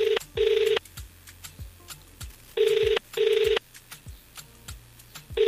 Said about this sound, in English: I mean, the phone is ringing. I hope it's not on silent. And that they can hear the ringtone.